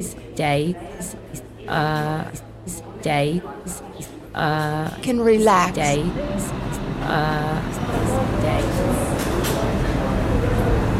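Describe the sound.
A voice speaks over a subway platform at first, announcing an Uptown Local 1 train at 242nd Street, then the train approaching the station swells into a steady, broad rumbling roar that fills the last few seconds.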